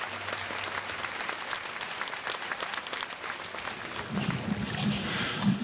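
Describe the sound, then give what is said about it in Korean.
Steady applause from an audience at a memorial service for Han Yong-un's 82nd anniversary, welcoming National Assembly member Song Young-gil to give a memorial address; a dense patter of many hands clapping at moderate loudness, swelling slightly toward the end. “큰 박수로 모시겠습니다.”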